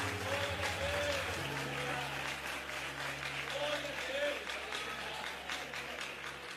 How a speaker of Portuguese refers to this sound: Aplauda o Senhor Jesus.